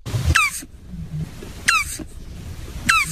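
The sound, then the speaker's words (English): Three short, high squeaky calls from a turtle, each a harmonic chirp bending downward, come at a steady pace roughly every second and a half over a faint low rumble, with no talking. “this is … with an H giving us the sound of a turtle”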